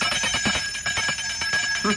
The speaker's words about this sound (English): Ring that bell on the table there, Mr. Marlowe. Okay. Oh, louder than that.